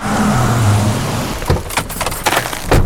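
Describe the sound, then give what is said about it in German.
A new Opel car engine runs with a steady low hum, then turns rougher and more uneven, with bursts of clattering mechanical noise toward the end. “Das ist ein neuer Opel von Dürkopp?”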